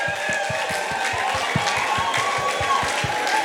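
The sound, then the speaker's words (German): A crowd applauds themselves in a dense, sustained wash of clapping and cheering, with a steady rhythmic thump pulsing beneath it about three times per second. “Macht mal Applaus für euch selbst.”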